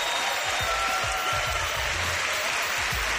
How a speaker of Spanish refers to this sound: Por favor, un fuerte aplauso para que les escuchen desde casa.